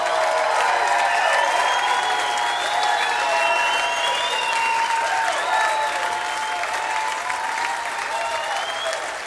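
A crowd applauds steadily for about nine seconds, a dense wash of clapping that holds at full strength, with a few whistles rising above it before it begins to taper slightly at the end.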